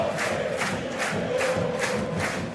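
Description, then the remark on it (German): A large football crowd in Osnabrück at the VfL Osnabrück versus Eintracht Braunschweig match, goalless at 0-0 around the 36th minute, roars continuously after an attacking move, a dense wall of massed voices with rhythmic swells of chanting rising and falling about every half second, loud and steady throughout. “Und sofort wacht das Publikum hier auf.”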